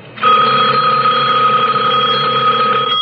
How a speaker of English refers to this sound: The sudden ring of the telephone startled me.